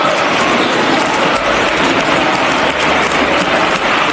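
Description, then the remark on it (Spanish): Dense, sustained applause in a parliament, an ovation given to Ábalos, a steady roar of many hands clapping at once, loud and unbroken for the whole stretch with no voices standing out. “Así que imposible no acordarse hoy de otras ovaciones cerradas, como esta que le brindaron a Ábalos en su día, después del Dieselgate.”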